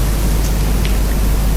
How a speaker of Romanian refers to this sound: Se întețește vântul.